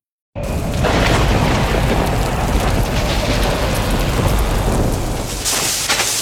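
A thunderstorm with steady, heavy rain pouring down, rumbling low thunder rolling underneath throughout, loud, with no voices.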